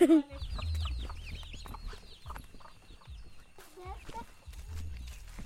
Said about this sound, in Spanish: Hay una gallina y unos pollitos y unos pavitos. ¿Y qué más? Y están comiendo.